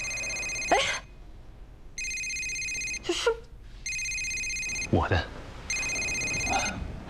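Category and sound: household object, mobile phone ringtone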